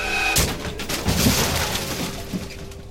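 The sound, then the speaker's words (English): A sudden, loud car crash bursts in after a brief lead-in, followed by nearly three seconds of crunching metal and shattering debris that clatters and rattles before tapering off. “When it hits, it shatters more than metal.”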